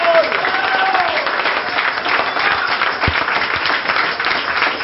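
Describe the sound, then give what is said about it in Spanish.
Sustained applause from an audience at a worship service, dense and steady clapping at an even loudness throughout, with a faint voice or whistle-like tone rising briefly near the start. “Puras palmas.”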